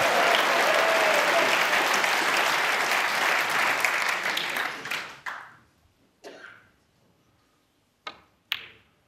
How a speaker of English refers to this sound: And he's gone for the double. And it might even be there. It might even be there. Well, this crowd erupts in the Crucible Theatre.